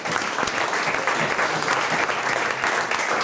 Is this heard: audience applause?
yes